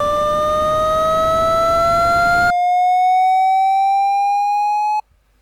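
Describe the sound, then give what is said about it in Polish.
An audio trace of a graph: a steady hiss plays together with a buzzy, harmonic tone marking the left side that glides slowly upward in pitch; halfway through the hiss cuts out as the trace passes 0,0 and moves to the right, and the tone continues alone before stopping abruptly. “Na początku będzie szum i będzie ton oznaczający lewą stronę, po czym szum zniknie, a ton się zmieni.”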